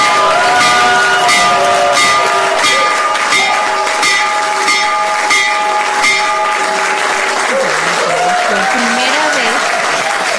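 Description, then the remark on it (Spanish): A loud electric stock market opening bell, rung by President Trump as the markets open, rings steadily for about seven seconds over a burst of clapping and cheering from a crowd; as the ringing stops, voices carry on under the continuing applause. “Y pues ahí el presidente Trump tocó la campana.”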